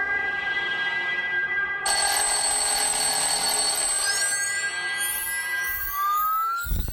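A loud, sustained electronic alarm clock, set for 4:00, rings continuously, its tone growing brighter and harsher partway through, then sweeping and warbling before cutting off abruptly near the end. No one speaks.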